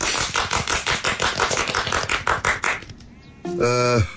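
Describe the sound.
At a village meeting held to welcome the new first secretary, a small group claps steadily for about three seconds, a brisk run of sharp, overlapping hand claps that then stops, followed by a brief tonal, voice-like sound.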